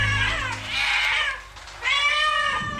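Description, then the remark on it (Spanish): A black cat meows twice, fairly loud: a drawn-out, wavering cry followed after a short pause by a second rising meow, with no talking. “¡Miau! ¿Habrá caído de alguna nube?, se preguntó un gato negro mirando a aquel cielo oscuro desde su seco escondite.”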